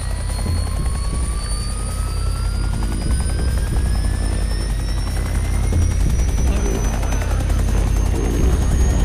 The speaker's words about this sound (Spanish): Las hélices del helicóptero van tan rápido que la nave comienza a elevarse y el tipo no se suelta, aunque la fuerza centrífuga casi le arranque los brazos.